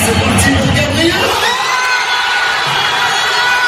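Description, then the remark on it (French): Over 48,000 PSG supporters at the Parc des Princes in Paris, watching the Champions League final against Arsenal on a big screen, roar and cheer at once after a missed Arsenal penalty, a dense wall of shouting and whooping that stays loud and sustained, with high-pitched yells scattered through the din. “Un pénalty mal cadré d'Arsenal et l'explosion du Parc des Princes où plus de 48 000 supporters du PSG s'étaient réunis pour regarder la finale de la Ligue des champions de football sur grand écran.”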